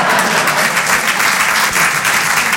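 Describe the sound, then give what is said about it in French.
An audience applauds, a dense, steady wash of many hands clapping at once, loud and even for the whole stretch with no voices rising above it. “Oui, on peut applaudir la façon dont je baisse ma femme.”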